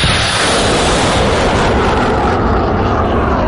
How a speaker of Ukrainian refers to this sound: Від ракетного пострілу здригається навіть земля на полі, але «Хаймарс» не замовкає і шле ще одну в небокрай.